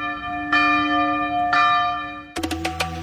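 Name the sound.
bells ringing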